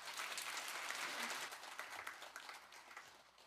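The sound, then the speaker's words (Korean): A church audience at Pohang Daegwang Church applauds steadily to welcome a retired pastor who will preach, a dense wash of many hands clapping at once, loud at first and tapering slightly toward the end, with no talking over it. “우리 목사님을 보내주신 하나님께는 영광을, 그리고 말씀을 대언하실 목사님에게는 따뜻한 사랑의 마음을 담아서 우리 박수하며 모시도록 하겠습니다.”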